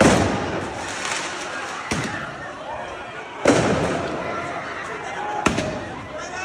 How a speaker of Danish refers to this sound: Så afføres der også fyrværkeri på åben gade.